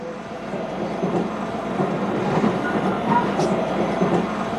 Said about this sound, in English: We're on the train, finally on our way to meet Joe.